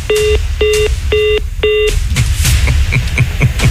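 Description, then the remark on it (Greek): Four evenly spaced telephone keypad beeps sound clear, followed by scraping, clicking handling noises as a caller from Chania struggles with the phone, all over a steady low rumble. “δεν την άκουγες, πάλευε με το τηλέφωνο.”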